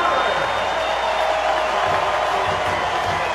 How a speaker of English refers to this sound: And here's a well-deserved round of applause for Jose Ramirez.